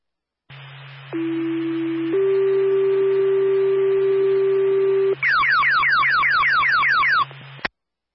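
Fire dispatch alert tones paging Claremont Fire to respond to a smoke alarm that keeps going off: a steady low tone, then a longer higher tone, followed by about two seconds of fast, repeating downward-sweeping warble beeps over a constant low radio hum.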